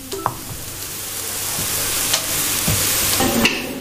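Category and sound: food or drink, nuts crackling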